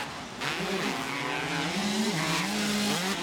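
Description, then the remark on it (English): Motocross bike engines rev hard and loud during a race, the bikes running neck and neck, their high-pitched whine rising and falling continuously with little break. “Oh, they are revving these things out hard.”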